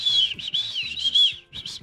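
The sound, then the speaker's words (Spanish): A shrill, high emergency whistle blown to call for help, in a rapid series of warbling, trilling bursts with a brief gap near the end, loud and with no talking. “Un silbato, en caso de pedir ayuda, ¿sí ven? Un silbato.”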